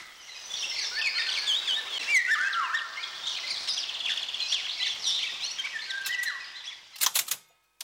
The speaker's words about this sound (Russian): «Это птица-праздник. Песнь пугливой Иволги». Журнал «Кругозор», сентябрь 1975 года.